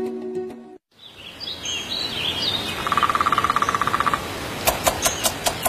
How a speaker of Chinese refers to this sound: 听，在陇原大地，啄木鸟的声音，象征着另一种特殊的守护。